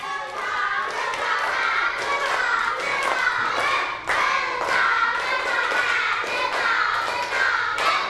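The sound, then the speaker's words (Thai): A group of students claps in unison on cue after a countdown, single sharp claps spaced roughly a second apart, one clap per step, over a steady bed of children's chatter and busy background noise. “ปรบมือ1ครั้งปรบมือ1ครั้ง1ครั้งปรบมือเป็นสเต็ป1ครั้ง”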